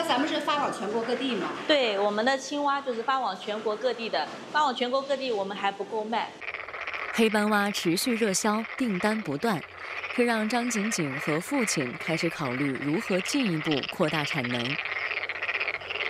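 A dense chorus of black-spotted frogs croaks loudly and continuously at a frog farm, many overlapping calls rising and falling, with a brief dip partway through before the croaking surges back.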